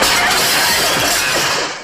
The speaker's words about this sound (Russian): Семен Семенович случайно разбивает стулом окно.